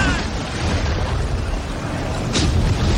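A thunderstorm roars steadily throughout, a loud, dense wash of wind and rain noise, broken near the end by a single sharp burst like a thunderclap.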